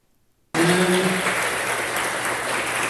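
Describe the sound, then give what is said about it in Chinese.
After a brief silence, loud audience applause bursts in as two speakers enter a Humanistic Buddhism lecture series talk at Fo Guang Shan's Gangshan lecture hall, continuing steadily, a dense crowd of clapping hands with no one speaking. “两位主讲人在掌声中热闹进场，”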